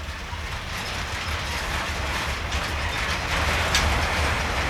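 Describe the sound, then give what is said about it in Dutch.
Steady rumbling and rattling of a train pushed from the rear by a small shunting locomotive, with a low engine drone and faint metallic clanks, continuous and fairly loud with no voices. “Dit is een soort van rangeerlok.”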